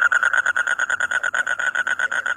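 A frog croaks in a fast, steady trill of buzzy pulses that repeat without pause, fairly loud, with no voices.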